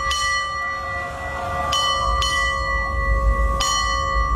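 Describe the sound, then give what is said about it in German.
A ship's bell on NDR 1 Welle Nord radio rings out the time in two quick double strikes followed by a single stroke, signalling 6:30, each clang ringing on clearly over a low, steady rumble. “Guten Morgen, hier ist NDR 1 Welle Nord und wir glasen hier jetzt mal an, läuten die aktuelle Uhrzeit mit der Glocke für Sie.”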